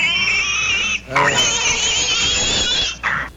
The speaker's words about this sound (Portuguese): Gente, alguém viu meu porco? Que ele não tava no curral.